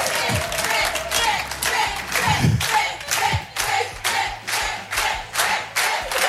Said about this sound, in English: And also, thanks for cheering for me.